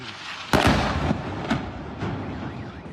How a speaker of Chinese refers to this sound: 至于在阿巴斯港，有目击者就拍摄到遇袭一刻，现场据报发生多次爆炸，当地官员称有2人受伤，部分地区电力供应中断。